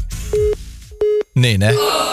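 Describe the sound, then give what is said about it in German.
Repeated electronic tones of an outgoing telephone call to a listener in Blunk, Kreis Segeberg, that goes unanswered: short steady beeps in a regular pattern like a ringback signal, fairly loud, with a voice speaking over the final part. “Und deswegen gehen wir jetzt auch mal ans Telefon.”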